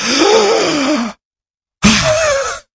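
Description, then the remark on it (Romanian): A person imitates the strained, labored breathing of a crucified man pushing up on nailed feet for each breath: two long, effortful gasping breaths with a groaning voiced edge, separated by a short silence, loud with no words. “Și pentru fiecare respirație, crucificatul se împingea în picioarele pironite și făcea așa.”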